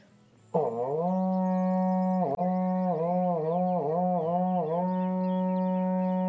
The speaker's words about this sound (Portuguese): Toca o berrante aí, irmão.